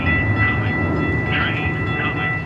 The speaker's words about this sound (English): On this sidewalk in South Phoenix, you can hear all the sounds of the city. Cars are rushing by, and a new section of the light rail is not shy about its arrival.